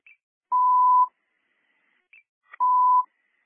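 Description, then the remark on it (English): Two sustained electronic radio dispatch alert tones about half a second each, each preceded by a short high chirp, repeating with a gap between them, clean and fairly loud with no voices. “And 253, I don't know how I did it, but your sense of tones are coming out again.”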